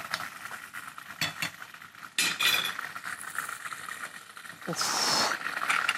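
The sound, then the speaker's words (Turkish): Steady sizzling of okra frying in a pan while chopped onions sauté on the other side, with utensils clinking and stirring against the cookware, a few sharper scrapes and bursts of louder hissing throughout. “Burada bamyalar yanlış görmediniz kızarırken diğer tarafta piyazlık doğradığım soğan kavrulma aşamasında kendi kendine kavrulmaya devam ediyor.”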